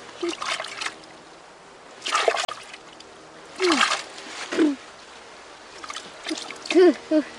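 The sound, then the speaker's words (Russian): Several splashes of water at a lake come in irregular bursts, like handfuls being scooped and thrown as a grandfather washes a girl's face, with brief vocal exclamations in between. “Фу, как много воды ты плеснул мне, дедушка, в лицо.”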